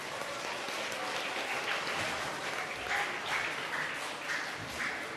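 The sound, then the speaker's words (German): Sustained audience applause, a dense steady wash of many hands clapping at an even loudness for several seconds, with no voices on top. “Vielen lieben Dank und einen heftigen Applaus von euch.”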